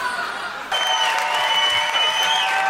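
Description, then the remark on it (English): An audience breaks into steady applause at the end of a show after a brief quieter moment, with sustained loud clapping and some high cheering or whooping mixed in until the end. “Let's get another round of applause for Rebecca Gibson and Jordan Holmes.”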